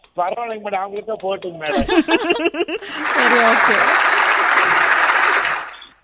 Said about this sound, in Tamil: Okay okay, சரி okay. உங்க வைஃப்க்கு தான் இப்ப இந்த கிளாப் போய் சேரும், ஓகேங்களா சார்?